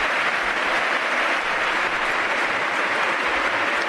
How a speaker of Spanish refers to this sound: Y el aplauso de San Mamés para Rock and Roll.